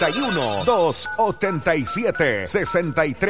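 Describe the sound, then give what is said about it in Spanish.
A telephone rings on a phone line with a bright, repeating electronic tone that runs for a few seconds, while a voice or musical sounds chatter over it in the foreground. “Ya, vamos a la línea telefónica.”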